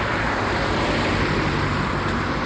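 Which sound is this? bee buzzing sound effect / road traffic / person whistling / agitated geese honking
road traffic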